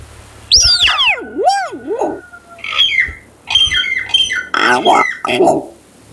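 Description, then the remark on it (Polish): A strange bird call: warbling, swooping whistles that slide up and down in pitch, followed by bursts of harsh, squawking chatter, all fairly loud with no talking. “Nie, to odgłos ptaka.”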